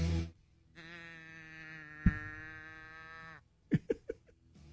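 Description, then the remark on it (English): A well-worn toy cow moo box, turned upside down, gives one long, steady, reedy moo lasting a few seconds, fairly loud, followed by a few sharp clicks and knocks as it is handled. “It's a cow. You turn it upside down, and then you go.”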